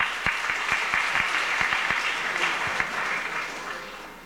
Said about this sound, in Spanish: También fuertes aplausos al coro La Voz de Juan en el Desierto.